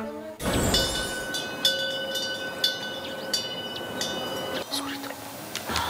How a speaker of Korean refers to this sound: 이 풍경 소리가 진짜 이 감성을 완벽화시키는 것 같아.